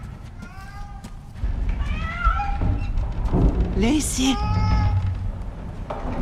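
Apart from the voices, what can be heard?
cat meowing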